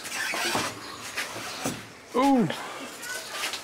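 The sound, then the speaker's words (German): A door is let go and swings closed with a short, high hinge squeal that bends downward, preceded by a few soft knocks and handling noises, with faint voices and room noise in the background, in a house where eight macaws fly free. “Ja, dann lass ich los, ja? Ja. Okay. Lass ich die Tür.”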